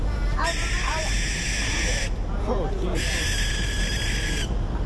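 Young owls in a water tower give two long, raspy, hissing screeches at night, each lasting over a second with a short pause between, loud against a steady low background rumble.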